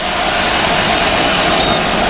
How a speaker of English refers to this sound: I don't know if you can hear me over this crowd. I have to turn my earpiece all the way up, which is always a great sign when you're the home team, man. It sounds so good right here. You can hear it.